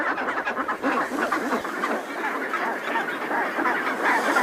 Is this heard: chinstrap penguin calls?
yes